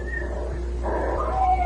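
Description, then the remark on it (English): A cat meows in a drawn-out, wavering cry, and a thin, steady whistle-like tone runs alongside it, rising slightly near the end. Both are fairly loud, with no talking. “And this voice comes in and says, nap cat, and there's a whistle and a meow.”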